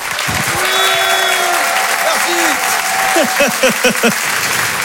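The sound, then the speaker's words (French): A large crowd at the Open du Rire comedy show claps loudly and steadily for several seconds to welcome comedian Félix Jean, with shrill whistles and a burst of excited whoops and cheers rising over the applause toward the end. “Faites du bruit, s'il vous plaît, un tonnerre d'applaudissements pour Félix Jean.”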